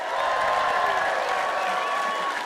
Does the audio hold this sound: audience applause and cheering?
yes